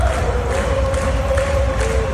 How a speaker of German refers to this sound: Mehr als einmal hatte ich Hühnerhaut, wenn die ganze Arena zusammen singt während dem Match.